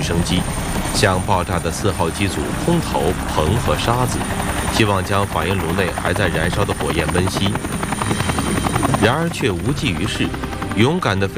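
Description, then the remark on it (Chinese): A Soviet helicopter's rotor thrums loudly and steadily overhead for the whole stretch, a continuous chopping drone, with a voice talking over the noise. It is at the Chernobyl nuclear power plant in 1986, dropping boron and sand onto the exploded No. 4 reactor unit. “在事故发生的第三天，苏联出动大量直升机，向爆炸的4号机组空投硼和沙子，希望将反应炉内还在燃烧的火焰温熄。”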